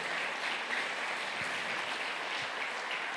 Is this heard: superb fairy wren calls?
no